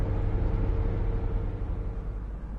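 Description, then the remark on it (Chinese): A car engine rumbles steadily as the vehicle drives along a long street, a constant low drone with road noise and no voices. “汽车驶过长街。”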